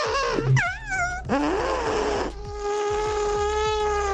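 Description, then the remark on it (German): A radio listener, answering a station bet, imitates a real elephant's trumpet with their mouth: buzzy, nasal wails that sweep up and down in pitch, then settle into a long, steady, droning blast. “Und da haben wir diese Woche gewettet, dass wir niemanden finden, der mit seinem Mund einen echten Elefanten nachmachen kann.”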